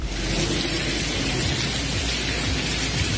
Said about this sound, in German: Klingt, als wäre es ein kleiner Wasserfall, ist aber im Unigebäude, sollte da natürlich beim Studieren überhaupt nicht der Fall sein.